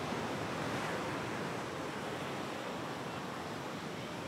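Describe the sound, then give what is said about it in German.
Steady wash of surf as the tide returns onto the beach at Praia do Araçagi, a broad continuous roar of breaking waves with a little wind noise, fairly loud, with no voices. “Und dann kommt, wie jedes Mal völlig überraschend, das Wasser zurück.”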